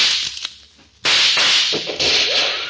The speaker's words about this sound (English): Oh, for the love of Pete. That shot smashed my rifle to bits.